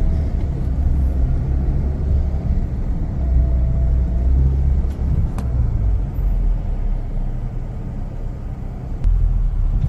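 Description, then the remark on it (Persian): Steady low engine rumble from vehicles idling in a long queue at the Pasdaran petrol station in Iran during a fuel shortage, a continuous droning hum with faint occasional clicks and no voices. “این صف همچنان ادامه داره.”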